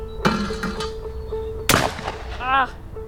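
A single loud shotgun blast cracks out sharply and rings off in a short, decaying tail, with softer knocks and brief speech before it and a short voiced exclamation just after.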